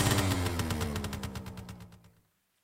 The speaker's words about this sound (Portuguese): Lá se foi a lambreta. Ela está a funcionar incrível.